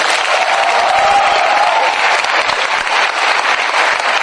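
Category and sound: crowd, audience applause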